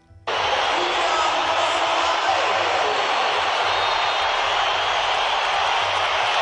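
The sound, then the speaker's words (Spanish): A huge stadium crowd at the Bernabéu whistles and boos the footballers as they come out, a dense, unbroken roar that kicks in abruptly and stays loud and steady throughout, with no single voice standing out. “Estábamos pendientes de la salida de los futbolistas y, ya avisados por los peñistas, la excepción se transformó en una pitada unánime en el Bernabéu.”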